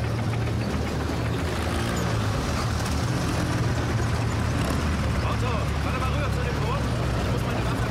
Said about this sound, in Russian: По улице деревни едут немецкие бронемашины. В них сидят пехотинцы.